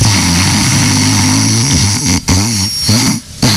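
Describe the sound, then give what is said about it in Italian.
A man imitates his own snoring with the voice: a loud, rough, throaty rattle held for about two seconds, then several shorter snorting bursts with brief breaks between them. “Allora, il mio russo io lo so esattamente rifare, ve lo faccio un attimo.”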